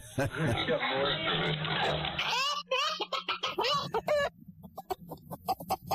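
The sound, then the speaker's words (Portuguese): Chickens cluck in short, choppy bursts, following a stretch of rough rustling noise, while people talk over the birds. “Vai comer as galinhas do senhor.”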